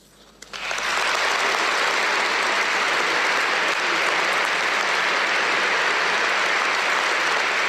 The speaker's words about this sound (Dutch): Een groot applaus dus voor Paus Leo XIV in dit moment, dit pastorale bezoek aan de kathedraal van Napels.